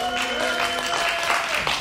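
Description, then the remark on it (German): A crowd makes noise together to vote for the hexagon over the cuboid as more masculine, with steady clapping and cheering, sustained shouts and a few whistle-like tones held over the din for about two seconds. “Oder ist für euch Hexagon, dann macht bitte jetzt Lärm.”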